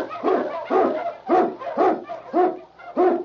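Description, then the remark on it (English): King, an Eskimo lead sled dog on the radio show The Challenge of the Yukon, barks repeatedly in a steady rhythm, about six loud bursts with brief whining tails between them, no voices present. “King, the swiftest, strongest of Eskimo lead dogs, blazes the trail through storm and snow for Sergeant Preston as he meets the Challenge of the Yukon.”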